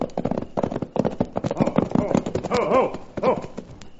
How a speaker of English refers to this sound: Then suddenly we heard the unmistakable sound of a horse racing toward us.